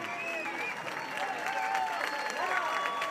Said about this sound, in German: So, das Lied geht hier gerade zu Ende. Die Menschen klatschen.